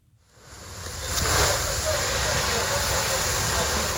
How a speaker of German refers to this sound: Ein Feuerwehrmann schreitet im Morgengrauen über ein verkohltes Gelände. Seine Kollegen löschen letzte lodernde Flammen. Einsätze wie diese sind in der Ukraine Routine, so wie hier in einem Gewerbegebiet im Süden Kiews.